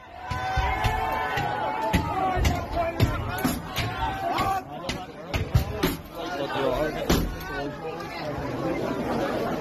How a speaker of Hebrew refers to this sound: מה שאנחנו שומעים כאן זה את אותם מפגינים או מתפרעים דופקים על דלתות, בועטים בהם, מנסים לפרוץ לתוך בתים